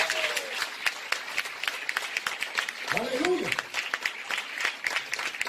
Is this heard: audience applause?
yes